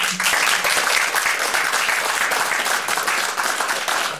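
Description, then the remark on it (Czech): Steady applause from a crowd honoring the acting of actor Vondráček, dense overlapping claps filling the whole stretch at an even, fairly loud level with no voices on top. “Tleskáme vzpomínkám na herectví tehdy opravdu velkého fešáka Vondráčka.”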